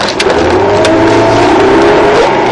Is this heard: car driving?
yes